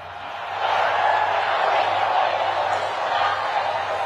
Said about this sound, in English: Thousands of people booing him.